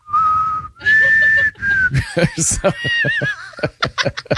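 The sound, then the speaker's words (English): A person whistles a short, wobbly, off-key tune of three held notes, clear, then breaks into snickering laughter with choppy breathy bursts. “You can't whistle on key.”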